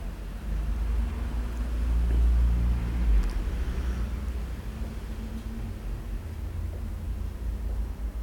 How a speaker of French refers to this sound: Plusieurs voitures. Un taxi avec une galerie.